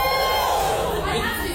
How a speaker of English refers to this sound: Again, no judgment if you use like ChatGPT or like an AI bot of any kind on a day-to-day basis. Give us a cheer.